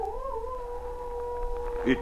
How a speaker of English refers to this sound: Sergeant, you hear that? Yes, a wolf howl.